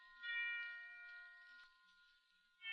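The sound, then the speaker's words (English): Church bells ring faintly for Christmas, one long bright tone that hangs and slowly fades before another strike begins. No one speaks. “They're ringing for us. They're wishing us a Merry Christmas.”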